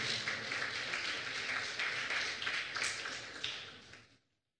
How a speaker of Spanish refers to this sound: Dele ese fuerte aplauso, Señor, por favor.